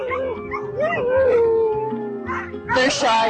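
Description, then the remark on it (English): Several sled dogs howl together in long, wavering wails, fairly loud, before the chorus breaks into a burst of sharp barks and yips at the end. “KYUK won an award in the best humor category for our dog interviews, which involved a lot of snuffling into the microphone”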